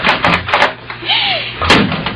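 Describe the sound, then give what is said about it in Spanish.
A door with no lock opens with a short, rising-and-falling hinge creak, bracketed by a few sharp wooden knocks at the start and a solid thud near the end, fairly loud. “¿Si sabes que la puerta no tiene llave?”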